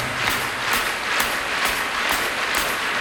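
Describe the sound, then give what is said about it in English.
A large concert audience at the O2 Arena in London claps along in time to a hi-hat in a steady beat, roughly two claps per second, the sharp, even pulses riding over a constant wash of crowd noise. “and it starts off with you clapping along to Nick's hi-hat, okay? In time.”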